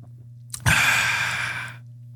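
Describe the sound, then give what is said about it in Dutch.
A single long, airy slurp of hot coffee lasting about a second over a steady low electrical hum, with no talking. “Rare slurp, hè?”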